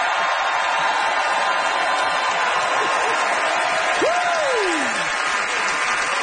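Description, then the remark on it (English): An audience at The Debaters comedy show applauds steadily for the two debaters, a dense wash of clapping that holds level throughout, with a whistle that sweeps up and then slides down near the end. “Big hand for Wasim and Simon Rakov, everybody.”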